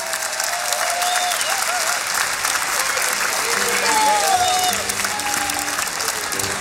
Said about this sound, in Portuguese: Um grande aplauso para eles.